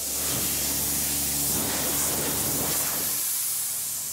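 A loud, steady blast of compressed air hisses continuously as a farmer blows dust off his combine harvester in the morning, with a low engine-like hum underneath that fades near the end.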